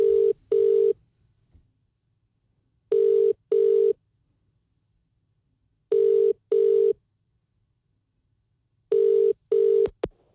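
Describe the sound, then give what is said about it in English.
A phone line rings out on an outgoing call from a radio studio to a contest winner: four double-pulse ringback tones, evenly spaced about three seconds apart, clear and steady with quiet hiss between them and no voices. “So let's get that winner on the line now.”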